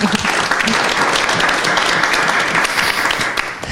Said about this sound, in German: Ein Applaus.